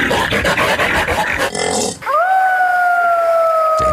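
A wolf lets out one long, clear howl that rises briefly and then holds a steady pitch, loud, following a couple of seconds of rough, noisy growling and rustling.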